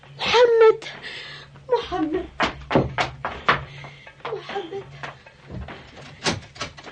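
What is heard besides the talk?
door being opened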